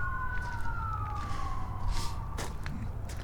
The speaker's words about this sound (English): When the sirens stopped, that means the emergency vehicles are like right over there at like 118th Street. 118th and Maple. I can hear some neighborhood dogs howling along with the with the sirens.